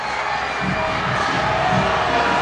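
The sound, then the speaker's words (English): A large stadium crowd at a Houston Dash versus Angel City soccer match boos after a yellow card, a loud, steady roar of many voices with low, drawn-out groaning tones swelling and fading over a couple of seconds. No single voice stands out. “The crowd booing, but Houston just got a brilliant chance, and that was a yellow card all the way.”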